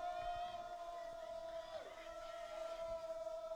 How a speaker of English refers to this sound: and now we'll ice the game here for the Trojans. And as you hear the crowd roar, Rushford Peterson, one more knee away from winning this one.